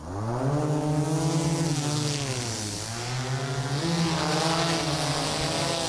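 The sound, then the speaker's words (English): Drone propellers whir steadily and loudly, a buzzing tonal hum whose pitch dips and rises as the rotors change speed during liftoff, with no voices; a pilot instructor's takeoff demonstration for secondary students at an Ag Careers Day in Dookie. “Okay, so we're going to take off.”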